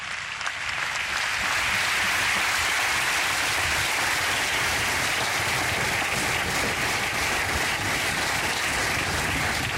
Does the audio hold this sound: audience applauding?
yes